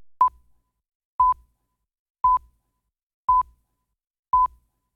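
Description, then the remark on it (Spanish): Five short, identical electronic beeps of a phone message notification repeat at a steady pace about once a second, each a clean mid-pitched tone with a soft low thump, clear against silence. “me está hablando ahí en el teléfono y se escucha.”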